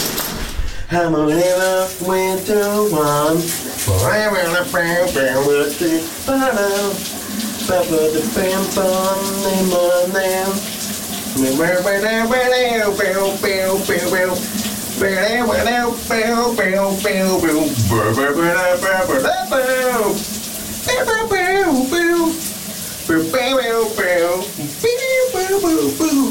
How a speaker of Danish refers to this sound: Kunne du høre, hvad der var for en sang, han sang under bruseren?